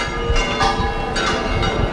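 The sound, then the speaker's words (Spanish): The four church bells of the belfry at El Rocío peal together, loud, in a dense ringing clangor, announcing that the procession of the Virgin of El Rocío has begun. Strikes overlap in an irregular rhythm over a continuous metallic hum, with no voices. “Las cuatro campanas de la espadaña del Rocío, las que están sobre esos azulejos en el que se representa la Virgen rodeada de los apóstoles, que es la iconografía de Pentecostés, están anunciando que la procesión de la Virgen del Rocío ha comenzado”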